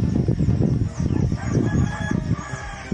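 Chickens clucking and a rooster crowing together in a henhouse, a busy, continuous flock chorus, steady and fairly loud throughout, with overlapping calls and no talking.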